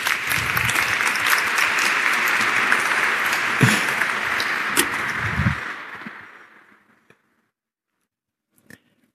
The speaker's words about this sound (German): So. Wunderbar. Ein Applaus. Super.